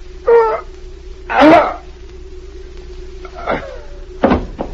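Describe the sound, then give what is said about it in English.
A poisoned man tumbles off a chair: a burst of clattering and a heavy thump, followed by a few scattered bumps and scrapes over several seconds, against a low steady hum. “he's fallen off the chair.”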